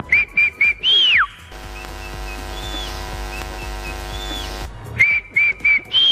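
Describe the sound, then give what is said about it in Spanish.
A person whistles from where they are standing before a running race: a quick series of short, sharp notes ending in a swooping slide, then a steady humming din with faint whistled glides, before the short whistled bursts return. “Y yo silbaba desde el sitio donde me encontraba.”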